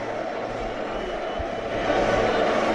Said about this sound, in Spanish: Ahí lo tenemos, gritos de Depor, Depor.